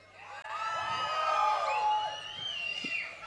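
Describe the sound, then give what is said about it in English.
A large crowd screams on cue after a count of four, a sustained, loud burst of many overlapping high-pitched voices, swelling and then tapering off after a few seconds. “So when I say one, two, three, four, and when I'm gonna count, uns, zwei, drei, vier, you're gonna scream.”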